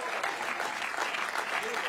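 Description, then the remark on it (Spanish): An audience applauds to the name of God, a dense, steady wash of many hands clapping that holds at an even loudness throughout the short stretch, without pause. “El fuerte se aplauso a su nombre.”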